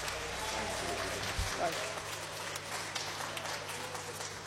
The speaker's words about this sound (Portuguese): Então vamos se colocar de pé, vamos receber o servo do Senhor com alegria, com palmas para Cristo, bem alegre as palmas para o Senhor.